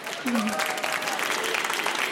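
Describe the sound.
Steady applause from an audience at the Frankfurt Book Fair (Frankfurter Buchmesse), during a live Deutschlandfunk Büchermarkt broadcast from the Deutschlandradio stage: a dense crackle of many hands clapping at even loudness, with a brief tonal voice-like sound near the start and faint crowd murmur underneath.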